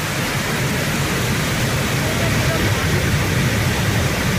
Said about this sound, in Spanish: Estamos escuchando la Cascada del Molino, ¿o qué? Porque tengo entendido unos cuantos nombres. A ver, tenemos diversas cascadas. Si es la del Molino, seguramente sea la cascada que tenemos en Peralejos de las Truchas, uno de los puntos más conocidos